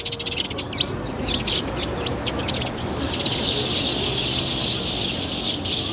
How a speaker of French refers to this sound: Mais c'est fou, ça ! On peut jamais boire son café et manger un petit croissant en terrasse sans que tout de suite vous débarquiez, les moineaux.